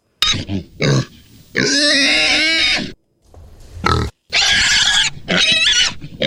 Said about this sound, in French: À ce moment-là, le fermier assène une tape amicale sur les fesses du porc et celui-ci se met à protester violemment.